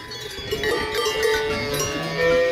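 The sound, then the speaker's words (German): Several cow bells clank and ring continuously in an overlapping, irregular jangle, as if a small herd of cows is moving on an alpine mountain pasture; no voices are present. “In Italien hat sich eine Touristin über diese Kuhglocken beschwert.”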